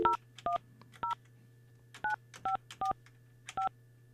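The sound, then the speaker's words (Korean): A radio host on Korea's Far East Broadcasting dials a listener's phone number on air: about nine short, evenly clipped touch-tone beeps in an irregular rhythm, each a two-note electronic tone, clear over a steady low hum. “5356 전화 한번 해볼게요.”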